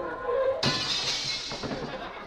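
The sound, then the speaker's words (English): A sudden loud smash as a car crashes bursts in, followed by a long, bright spray of shattering windshield glass and tinkling fragments that slowly fade, with no voices. “Darling, would you mind picking the windshield wiper out of my teeth?”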